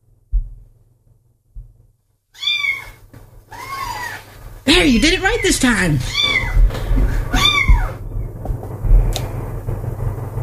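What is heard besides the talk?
cat meowing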